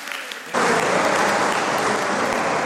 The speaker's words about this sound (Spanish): Hay bastantes maestros y maestras entre nosotros, las maestras de la escuela dominical, maestras y maestros, están, pónganse de pie. Vamos a pedir un aplauso para estas personas.